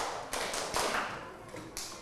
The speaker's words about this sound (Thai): หมดเวลาปรบมือ5ครั้งปรบมือ5ครั้ง